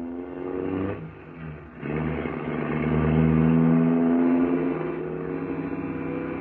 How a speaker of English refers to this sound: Good heavens! He isn't going to drive through these narrow streets at this speed, is he?